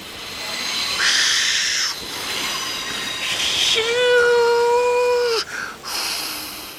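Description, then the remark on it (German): A steam locomotive rolls puffing and steaming into the platform at Maidwaite station, a steady rumble of noise carrying high squealing and whistling tones, with one long shrill note held near the end before it fades. “Gerade rollt er pustend und dampfend am Bahnsteig ein.”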